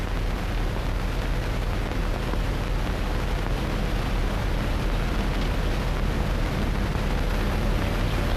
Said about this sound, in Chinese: 连长，连长，摩托车来了。